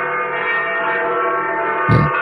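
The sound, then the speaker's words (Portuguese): The parish church bell, rung to alert the people, rings steadily, its dense, overlapping overtones sustaining throughout at a fairly loud level, with a brief dull thump just before the end. No one speaks. “É o sino da matriz que quando toca nós trazemos aqui pra avisar o povo, né?”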